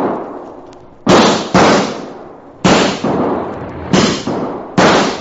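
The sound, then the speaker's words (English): A volley of about seven loud gunshots fired to chase off coyotes, in quick, uneven succession, some nearly paired, each sharp crack trailing off in a brief rumbling echo, with no voices. “But not too late to run those coyotes out of there with lead.”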